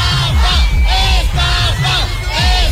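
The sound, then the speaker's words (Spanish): A crowd at the entrance gates of an event shouts an angry protest chant of "¡Estafa!" (scam) in unison over disorganized access, loud rhythmic bursts of raised voices repeating about twice per second, with yelling and whistles mixed throughout. “pero a las puertas parece ser que hubo una gran desorganización a tenor de los gritos y las protestas que se escucharon en la puerta.”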